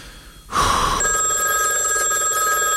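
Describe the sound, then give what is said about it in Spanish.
A telephone starts ringing abruptly with a loud, continuous electronic trill, a bright buzzing tone that sustains steadily without pause. No voices are heard. “No puedo creer que esto suene ahora en este momento cuando nos íbamos a la pausa.”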